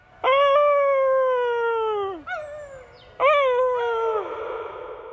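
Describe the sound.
A person imitates a wolf, letting out two long, loud howls that hold steady and then slide downward at the end, with a brief yelp between them and no talking.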